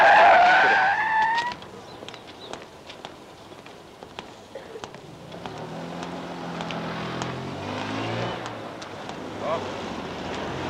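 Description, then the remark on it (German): A sharp tire squeal opens, then steady street traffic of many cars rolls by, with a rumbling engine swelling as a vehicle passes, surrounded by a wash of other cars. “Ich bin schon ganz verzweifelt. Die vielen Autos.”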